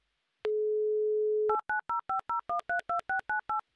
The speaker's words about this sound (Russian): Так, номер набрали. Будем ожидать соединения с Нижним Новгородом